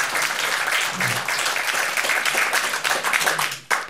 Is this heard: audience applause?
yes